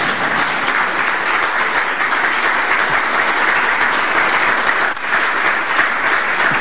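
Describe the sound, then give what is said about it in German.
An audience at an event in Heiligenkreuz claps steadily for several seconds, a dense, loud wash of many hands with no individual claps standing out and no voices audible. “Also wenn Sie nicht klatschen wollen, mache ich gleich weiter.”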